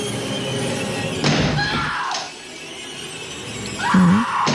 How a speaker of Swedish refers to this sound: Här hör vi hur han hugger med yxan i dörren. Och den här yxan som används i filmen, den kan få ett nytt hem, för den är till salu.